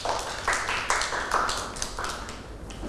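A group of children claps in an uneven, lively burst, with sharp overlapping hand claps roughly twice a second over a soft background murmur of voices.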